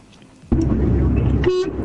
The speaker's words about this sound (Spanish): ¡Esa! Me encantó ese bocinazo. ¿Cómo me alegran cuando me tiran un bocinazo? Porque sé que me están escuchando del otro lado.